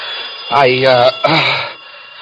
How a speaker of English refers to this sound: For when I wakened, it was broad daylight and the phone was ringing.